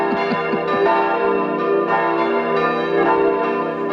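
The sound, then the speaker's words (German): Church bells peal loudly and steadily, overlapping strokes blending into a dense, continuous ringing with long sustained tones and no voices. “Die haben ja immer noch keine Glocken.”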